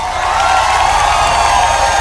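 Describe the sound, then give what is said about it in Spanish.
Steady, dense applause from an audience for a maestro's single-take performance, aired on La Kioto radio, a loud continuous wash of clapping with no pauses and no voices standing out. “Un aplauso al maestro Sergio, una sola toma.”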